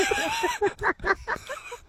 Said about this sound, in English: Probably is a kookaburra doing that.